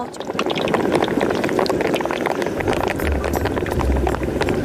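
Pieces of skin-on pork belly, brushed with liquor and honey, sizzle loudly in hot oil in a pan: a steady hiss packed with rapid crackles and sharp pops for the whole stretch, with a low rumble joining near the end and no voices.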